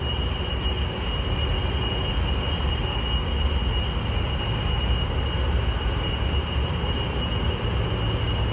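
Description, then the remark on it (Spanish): Cooling systems of a data center complex in northern Virginia hum in a steady, unbroken drone, a dense rumbling whoosh with a thin, high whine running through it. The loudness never changes, and no voices are heard. “Es el zumbido incesante día y noche de los sistemas de refrigeración de un complejo del norte de Virginia, estado por donde circula casi un tercio del tráfico mundial de Internet.”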